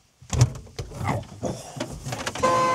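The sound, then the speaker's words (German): Mechanical clunks and rattles from a vintage horse transporter, then its horn starts a steady, buzzy tone near the end and holds without a break. “Das war die Hupe? Ja, das war die Hupe.”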